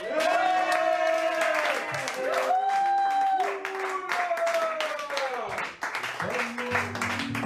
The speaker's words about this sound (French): Bon, mesdames et messieurs, en ces temps chauds, nous avons l'extrême plaisir d'accueillir, et je vais vous demander d'en faire autant, par vos applaudissements, s'il vous plaît,